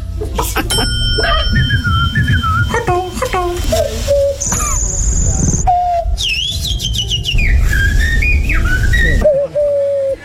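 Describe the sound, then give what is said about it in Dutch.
A person whistles an imitation of a turtle dove's call, a loud run of sliding, warbling notes with short pauses, accompanied by a brief high steady tone and low background rumble. “Dat is toch gewoon een duif? Nee, dat is een tortelduif.”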